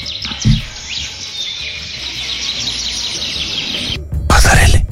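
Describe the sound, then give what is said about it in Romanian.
Many birds chirp and tweet in a small wood where a river passes, a dense, steady chorus of overlapping high-pitched calls, ending in a short loud burst of rushing noise. “Piu, piu, piu, piu, da.”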